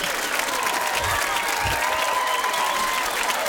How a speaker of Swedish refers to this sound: Ola Salo, måste vi ha applåder här ju.